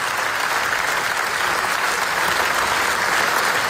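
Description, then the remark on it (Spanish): A large crowd gives a sustained, dense ovation at the Venice film festival for the documentary Naza, a steady roar of clapping at constant loudness with no breaks and no talking. “Esa ovación que escucháis cruzó los canales de Venecia y terminó retumbando con fuerza en el último Cinemaldia.”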